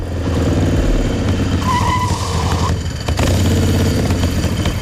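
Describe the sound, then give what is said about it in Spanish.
A motorcycle without an ITV inspection, ridden to La Caleta, revs loudly, its pitch climbing and surging, briefly dropping off before roaring up again as it accelerates. No voices are heard. “Cuentan las malas lenguas que el Chano cogió su moto sin ITV y se plantó en la Caleta en menos de lo que canta un gallo.”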